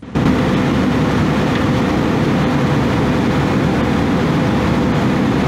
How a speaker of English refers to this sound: That's one of two Russian fighter jets dangerously swarming an unarmed RAF plane over the Black Sea in international airspace.